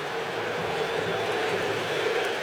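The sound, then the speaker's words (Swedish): A large stadium crowd at a Brazil versus Morocco football match roars in protest when a Brazilian player falls and the referee gives no free kick. It is a dense, steady wash of voices holding at the same loud level throughout, with no single voice standing out. “Vi hör vad publiken tyckte. De tyckte att Brasilien skulle ha haft frispark.”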